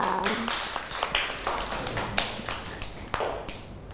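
A short burst of hand clapping for a young child, a small group applauding with sharp, uneven claps that keep up steadily for a few seconds at moderate volume, with no talking over it.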